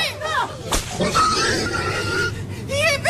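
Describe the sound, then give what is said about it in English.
A single sharp whip crack from Jones and his four men snaps through a chaotic scuffle as they fight the farm animals, with squealing animals and agitated voices filling the background throughout. “They got whips!”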